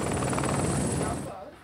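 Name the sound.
helicopter arriving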